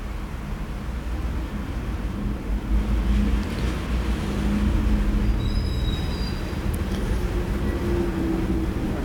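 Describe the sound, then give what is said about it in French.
A heavy wood and coal delivery truck rumbles as it turns in the street, its low engine drone steady throughout, with a brief high-pitched squeal partway through. “Un autre bois charbon qui tourne dans la rue où nous nous trouvons.”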